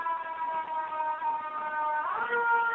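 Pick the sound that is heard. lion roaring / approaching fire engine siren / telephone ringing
approaching fire engine siren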